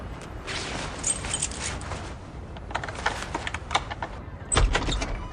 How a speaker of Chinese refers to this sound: 哎呦，哎呀，可算爬到六楼了，603没错吧？哎呀， 啊，没错没错，我来开门。